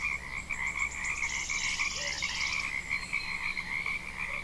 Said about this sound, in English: The frogs seem to be preponderant. My friend Ron, listening last week, said, I heard a lot of birds, but not the frogs so much. And so I boosted the frogs.